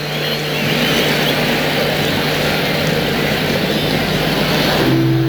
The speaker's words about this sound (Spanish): Mirá, los drones en el cielo, no se puede creer. Extraordinario. Extraordinario.